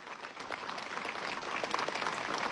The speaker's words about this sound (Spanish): También, ¿por qué no poder agradecer, ya que somos iglesia, parroquia, a nuestra sagrada imagen que representa a Santa María Magdalena? Esos aplausos. Somos una iglesia.